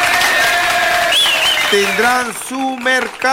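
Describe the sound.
An audience applauds the merchants of the town market in Tucumí in a dense, steady wash of clapping and crowd noise. Loud voices and cheers rise over it, then take over as the clapping fades.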